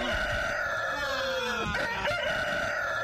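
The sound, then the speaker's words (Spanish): A rooster crows loudly, a long, strained cock-a-doodle-doo with wavering harmonic tones that fills the whole three seconds, with no talking over it. “Es el gallo, el carajo gallo, sí.”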